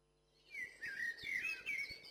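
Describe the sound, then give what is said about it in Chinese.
A red-breasted robin perched in a small tree chirps in a quick, lively run of bright, high notes, starting after a brief pause and continuing steadily to the end, with no voices. “北飞的红腹知更鸟停在一棵小树上，它向下喊”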